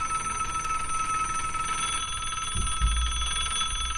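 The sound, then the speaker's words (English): Bright, continuous electronic ringing from telephones for the Jerry Lewis telethon fills the whole stretch, steady and fairly loud, with a low thump or rumble joining near the end. “Wait, I'm not going to answer your phones for you, Jerry.”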